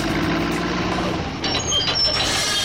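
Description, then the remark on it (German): A steady diesel truck rumble fills the scene, joined midway by hissing bursts like air brakes and a few thin, high beeps, suggesting heavy vehicles working on a construction site. “Und jetzt geht's erstmal auf die Baustelle.”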